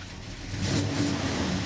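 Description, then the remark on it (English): A vintage car engine revs up at the Oskaloosa Classic Car Show in southeastern Iowa, its low rumbling growl swelling louder over a second or so and holding steady, with no voices. “That's the distinctive sound of vintage engines at the Oskaloosa Classic Car Show in southeastern Iowa.”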